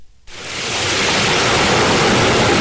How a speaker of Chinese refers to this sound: 8月6号，随着埃里克塔木取手的电子闸门缓缓抬升，塔里木河的最长源流叶尔羌河河水奔涌而下，水流一路绵延超过350公里，在与和田河交汇后最终汇入塔里木河干流。